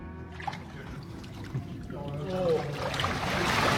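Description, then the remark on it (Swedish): Water sloshes and splashes as someone wades in carrying a microphone, the churning growing louder and fuller toward the end, with a voice briefly heard in the middle. “Nu är jag i vattnet med mikrofonen.”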